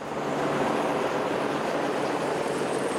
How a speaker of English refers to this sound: A helicopter drops reinforced pipe to the access tunnel for the Chilime hydro plant. The pilot struggles against the wind.